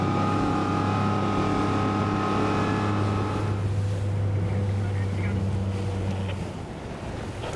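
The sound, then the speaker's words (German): Steady engine drone of many motorboats on open water during a boat parade, with a low humming tone and wind buffeting the microphone, the engine noise easing off toward the end. “Bei so vielen Schiffen auf dem Wasser gar nicht so einfach.”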